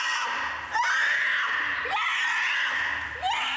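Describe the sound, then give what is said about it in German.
A polar bear cub at a zoo screams loudly and continuously after its mother takes away a piece of meat it was playing with; shrill cries rise and fall in three drawn-out waves with brief sharp upward breaks, with no talking. “Ein alter Eisbär. Ah, fein, so am Schreien hier.”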